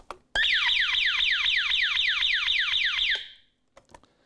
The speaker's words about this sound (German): Dazu gibt es hier einen Magneten, der einen Magnetschalter geschlossen hält. Wird das Fenster geöffnet, dann wird der Schalter geöffnet und der Alarm schlägt an.